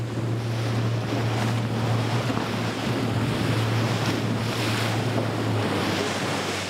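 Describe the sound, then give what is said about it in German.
A motorboat races off across the sea in pursuit of fin whales, its steady low engine drone running beneath loud, continuous rushing water and wind buffeting the microphone. There are no voices. “Don Pato rast los.”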